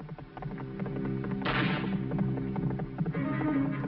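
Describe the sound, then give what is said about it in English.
Galloping hoofbeats of Blaze, a galloping toy riding horse from Mattel, ridden by Marshal Bob, thud in a quick, steady rhythm over a loud, dramatic music bed, with a sharp crashing burst partway through. “Marshal Bob is riding Blaze, the fabulous new galloping horse from Mattel.”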